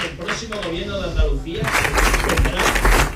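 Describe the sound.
A man, Vox politician Manuel Gavira, speaks into a microphone for about a second and a half during a speech celebrating Vox's result in Andalucía, then loud applause breaks in, a dense crackling wash of many hands that overtakes his voice and keeps going.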